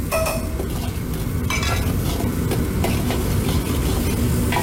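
Minced ginger and garlic sizzle steadily in a hot wok along with pickled long beans, pickled radish, melted hotpot base and chopped bean paste, a continuous crackle with repeated scraping strokes of a spatula against the metal, no voices.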